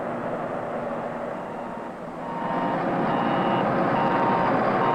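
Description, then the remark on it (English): A truck's backup alarm beeps steadily in reverse, its repeating tone riding over a loud, continuous diesel engine rumble that swells slightly after a brief dip. “All moving equipment should have automatic backup alarms that sound off whenever the vehicle is operated in reverse and are audible above the surrounding noise level.”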